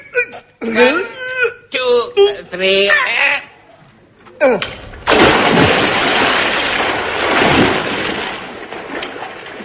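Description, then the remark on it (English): Voices call out briefly, then a heavy object, thrown into a river to test that it is waterproof, hits the water with a loud splash, followed by several seconds of churning, rushing water noise. “help me throw this into the river to just to test it.”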